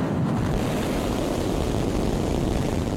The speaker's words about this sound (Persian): این راکت از جنوب تکساس پرتاب شد و پس از جدایی از سکوی پرتاب مسیر آزمایشی خود را طی کرد و دوباره پس از ورود به جو زمین در اقیانوس هند فرود آمد.